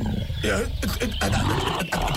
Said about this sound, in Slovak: Čo tu robí ten medveď? Medveď, to je naozajstný medveď.